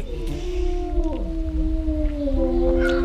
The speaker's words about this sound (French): Donc ici c'est un couple de loups gris. Hein.